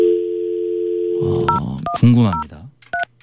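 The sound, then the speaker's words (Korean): A steady telephone dial tone hums, then several short two-pitch keypad beeps sound as a Far East Broadcasting radio host dials a listener live on air, with a person talking over part of it. “이분은 제가 지금 전화 연결을 한번 해보고 싶은데”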